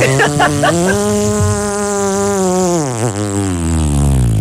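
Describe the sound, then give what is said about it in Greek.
During a Greek shadow-puppet theatre (Karagiozis) show, a voice imitates a motorbike engine with a sustained, buzzing drone. It starts with a few sputtering revs, holds a steady rasping tone, then dips lower and rumbles down at the end. “Και η μηχανή πώς έκανε.”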